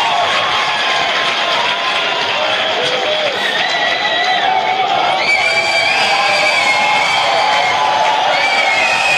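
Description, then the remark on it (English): A large baseball stadium crowd cheers and roars steadily in the ninth inning, with overlapping shouts and whoops rising above a dense, loud wall of voices throughout. “Enthusiastic crowd making some noise.”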